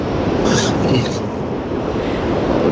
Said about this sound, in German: Ja, ich höre, du bist im Auto unterwegs. Ja, ich kann aber gerade anhalten gleich. Gut, ja, ich bin im Auto unterwegs und bin am Weg nach Bad Godesberg.